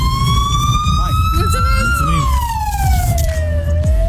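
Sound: ambulance siren passing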